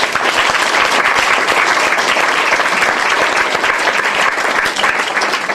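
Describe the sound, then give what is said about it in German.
A dense, steady burst of audience applause welcoming a poet and prose writer, many hands clapping at once in a continuous loud wash that holds level for several seconds without pause. “Applaus für”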